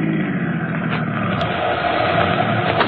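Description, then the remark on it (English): A car pulls to a stop, its engine a steady, fairly loud rumble throughout with no clear rise or fall, and no one speaking. “Just stop the car and let me out. Stop it, Suds.”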